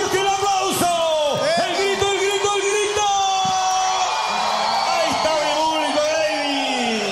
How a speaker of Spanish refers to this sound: ¿Y siempre lo aplauden de esta manera o no? De esta manera. La gente lo quiere mucho y se nota el cariño aquí.